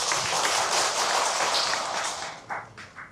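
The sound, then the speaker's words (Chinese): An audience applauds to welcome Hu Zongjie, a xiao and dizi flute player and maker from Taiwan: a dense crackling wash of many hands clapping at once, holding strong for a few seconds before thinning out into a few scattered final claps. “掌声欢迎胡宗杰老师。”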